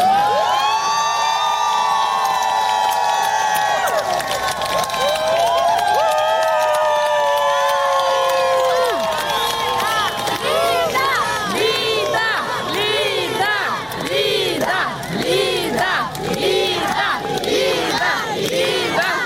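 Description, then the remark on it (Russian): A large crowd outside a courthouse shouts loudly and continuously in support of Lida Moniava, head of the charity House with a Lighthouse, as she leaves court. Long drawn-out cries break into rapid rhythmic chanting and cheering that fills the whole clip. “Внутри поддержку, как здесь все кричали.”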